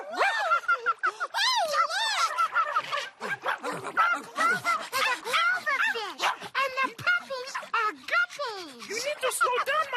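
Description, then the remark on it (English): A dog named Simon barks and yips excitedly, a rapid, continuous run of high, bouncy barks with whiny rising and falling tones, filling the whole stretch with little pause. “Big Bird is a birdfish, and Simon is a doggy fish! Come on, Simon!”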